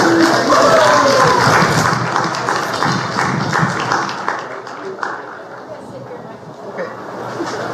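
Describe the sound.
An audience breaks into sustained applause welcoming a guest at the start of an interview, a dense crackle of many hands clapping at once, loud at first and easing slightly toward the end, with a few voices mixed into the noise.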